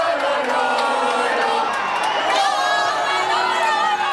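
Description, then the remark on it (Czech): A large crowd of Spain football fans chants and cheers together, chanting the names of Spanish players in a dense, continuous roar, with overlapping shouts and sung lines rising above the noise, sounding loud. “Fanoušci skandovali jména španělských fotbalistů a posilňovali svou víru ve vítězství pivem, červeným vínem s citronádou a společnými pokřiky a popěvky.”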